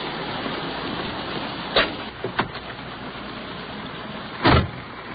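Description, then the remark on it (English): Someone climbs back into a police car over a steady hiss of rain on a wet, slushy day: a couple of quick clicks and rattles of the door, then a single solid door slam. “Let's hustle on back to our police car.”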